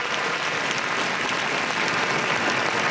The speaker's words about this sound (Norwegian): Nå kommer kongepar ut på Slottsbalkongen. Der har vi vårt nye kongepar. De vinker, og det stor applaus fra Slottsplassen.